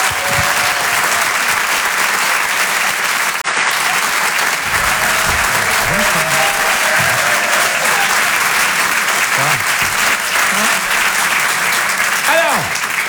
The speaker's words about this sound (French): Je vous demande de l'applaudir très très chaleureusement, s'il vous plaît. Voici Ali Vardar.